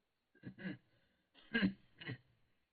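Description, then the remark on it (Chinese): A low, gruff throat clearing by a man, two short rasping bursts about a second apart, fairly quiet, with no other sound around them. “终于勉强的掩盖住了内心的动荡，低低的咳嗽了一声。”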